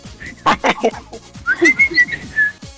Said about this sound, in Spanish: Y trate de chiflar más para que le salga bien. Sí, que hace tiempo no chiflaba, y ahora ya me estaba asustando, no voy a chiflar, pero ahora ya me salió ya.